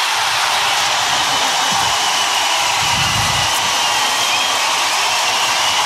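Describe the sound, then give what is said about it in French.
A huge crowd at the Olympic aquatic centre roars in a sustained ovation for Léon Marchand as he enters behind the starting blocks for a European final, a dense wall of cheering and screaming that stays loud and steady throughout, with no gaps or individual voices standing out. “Et le prochain à rentrer derrière les plots, vous allez entendre tout simplement l'ovation du centre aquatique olympique pour Léon Marchand.”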